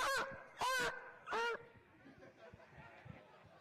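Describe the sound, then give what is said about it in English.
A reservation dog barks three times in quick succession, loud, each bark sharp and raspy, followed by a few seconds of faint background noise with no further barking. “That was a res dog, that one.”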